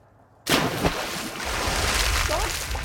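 A sudden splash as someone plunges into water, followed by continuous muffled sloshing and bubbling close by, with a low rumble as the diver moves underwater.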